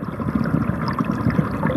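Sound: flowing river water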